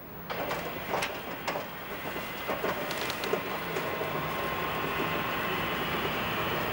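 An old glass-windowed special railcar of the Reichsbahn, now 60 years old, rolls along its first metres behind a shunting locomotive. A steady rumbling roar with scattered metallic clanks and squeaks, continuous, with no voices.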